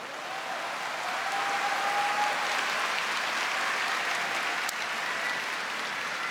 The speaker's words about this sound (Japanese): 場内アナウンスに再び三度拍手が起きました。